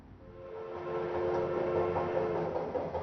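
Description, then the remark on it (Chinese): A train rumbles steadily, a continuous mechanical roar with a sustained droning tone running through it, swelling slightly after the first second. No one speaks. “而刚刚毕业的许广平对于鲁迅的思念，便从他们一同踏上火车那一刻就已经开始。”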